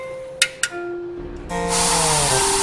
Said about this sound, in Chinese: 你们给火箭车充入压缩气体，然后按下按钮，压缩气体喷出，就在轨道上跑动了。